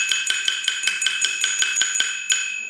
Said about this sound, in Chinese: 哦，这个像一个小铜碗一样的乐器， 是 咱们碗碗腔的。 碗碗腔的碗碗，这就是碗碗， 这就是核心乐器。 对， 那它怎么发声呢？来，我们来看一看。